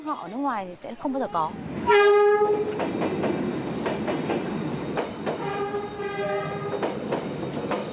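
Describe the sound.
A train in Vietnam rumbles past right in front of people sitting by the tracks, with a loud, steady roar, sounding two long blasts of its horn with stacked harmonic tones. A person speaks briefly at the start before the train takes over.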